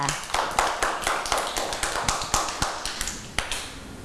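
A group of children in a class clap for a classmate at the teacher's request, in a quick, uneven patter of sharp, bright claps that runs steadily for several seconds, with faint voices underneath.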